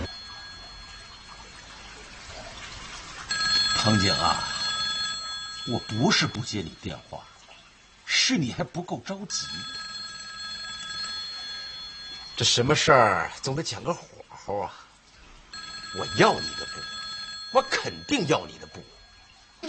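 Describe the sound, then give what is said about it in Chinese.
A telephone rings in repeated bursts, each trill lasting a couple of seconds with short pauses between, going on several times, deliberately left unanswered, with other sounds mixed in around it; the caller is Fujii. “藤井啊，我不是不接你电话，是你还不够着急。”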